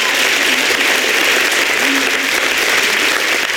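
Loud, sustained applause from an audience, a dense steady clatter of many hands clapping throughout with no pauses, a few faint cheers or voices mixed in.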